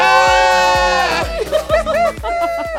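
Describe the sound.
The Ultra 92.5 radio team yell together in the broadcast booth, celebrating a goal, in a long, wavering cheer, first as one held, pitched note and then in broken, rising and falling whoops, over a steady thumping beat.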